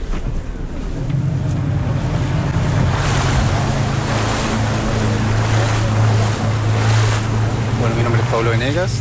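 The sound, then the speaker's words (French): A motorboat cruises over choppy sea near Puerto Montt toward an offshore fish-farming site about 1200 metres away, its steady low engine drone running beneath constant rushing wind and splashing water, loud for the whole stretch, with a faint voice briefly at the end. “On monte dans le bateau.”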